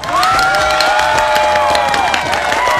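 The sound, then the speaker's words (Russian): A crowd applauds and cheers loudly throughout, dense clapping mixed with high whoops and whistles, sustained at a steady intensity for the whole few seconds, with no one speaking. “Аплодисменты, конечно же, тоже.”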